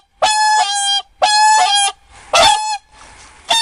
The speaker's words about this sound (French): C'étaient des cygnes. Le son de leur voix était tout particulier.